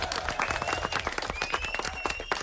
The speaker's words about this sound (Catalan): Fort aplaudiment, molt bé.